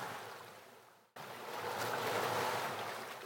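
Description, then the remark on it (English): Surf washes onto the shore in a broad, hissing roar, briefly dropping away before a fresh wave surges back in and swells louder; no voices are present. “The waves have been arriving on these shores long before any of us were here, and they'll still be arriving long after we're gone.”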